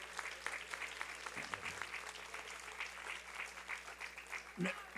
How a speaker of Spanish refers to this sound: Casi, ¿por qué no le damos un aplauso a don Raimundo? Él ya no está, pero sí está.